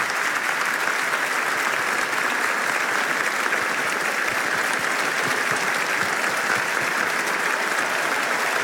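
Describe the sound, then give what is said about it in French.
Sustained applause from the whole crowd of priests, deacons, religious and seminarians at Notre-Dame, a dense, steady wash of clapping that fills the space evenly from start to finish, loud and unbroken, with no voices standing out. “Applaudissements de toute la foule.”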